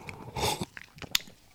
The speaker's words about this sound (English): Let's have a sip of this iced latte. 1 second. Well, kind of, it's cold latte without milk. There's no ice here, you see, so.